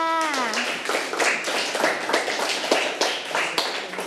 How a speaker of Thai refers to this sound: เก่งมากค่ะปรบมือให้เพื่อนค่ะ